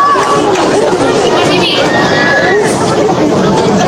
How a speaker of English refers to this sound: And he's getting up limping. The fans are cheering that he was able to get up.